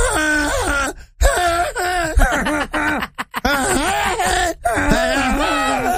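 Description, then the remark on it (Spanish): Goats screaming in a rapid series of loud, wavering, human-like bleats, several calls overlapping with brief pauses between bursts, high-pitched and strained throughout. “El grito de los chivos.”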